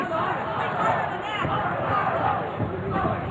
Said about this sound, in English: This Orlando crowd cheering on the hometown Apollo.